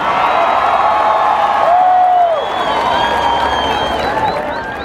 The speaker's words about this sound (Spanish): Recibamos con un fuerte aplauso a ….